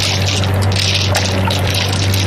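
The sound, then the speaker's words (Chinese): A police motor launch approaches a painted pleasure boat, its engine droning low and putt-putting, growing louder beneath a constant wash of splashing, churning water, loud and close throughout, with no voices. “舱外果然传来突突突的汽艇声，马达越来越响”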